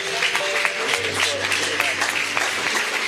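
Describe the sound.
An audience applauds steadily and loudly, many hands clapping in a dense, continuous wash, with a low sustained tone and scattered voices underneath.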